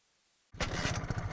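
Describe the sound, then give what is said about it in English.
A motorcycle engine suddenly fires up after a brief silence, its exhaust rumbling loud with a steady, throbbing purr through the muffler. “Now let's hear that muffler purr.”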